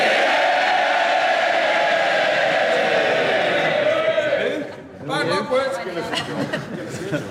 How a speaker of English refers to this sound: He was sworn in to loud cheers from Labour MPs.